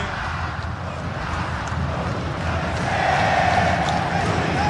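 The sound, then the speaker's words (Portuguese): Clube Atlético Mineiro (Galo) fans in a large stadium sing their club anthem together during a football match, in a dense, sustained roar, voices blending into a continuous chant that swells slightly louder toward the end, with no clear individual voices. “Tá cantando a torcida, tá vibrando, tá feliz, tá confiante.”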